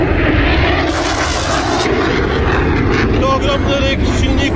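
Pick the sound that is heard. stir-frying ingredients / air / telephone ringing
air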